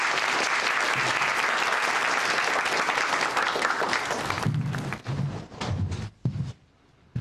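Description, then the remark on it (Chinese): A group of people in a flight unit claps together for a comrade who found the cause of a visual error in simulated carrier take-offs, dense, sustained applause that thins out after several seconds into a few scattered claps before stopping. “大家鼓掌！”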